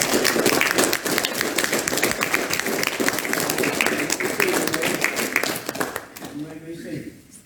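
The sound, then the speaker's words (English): An audience breaks into loud, sustained applause for the mothers, a dense clatter of many hands clapping for about six seconds before fading, after which a voice starts speaking. “Now, let's give these women a round of applause.”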